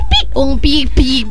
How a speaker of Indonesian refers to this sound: Aku tahu. Ayam. Animalnya bising banget ya, rekamannya di semak-semak tadi.